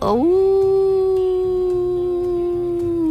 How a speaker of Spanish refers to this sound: El lobo del desierto.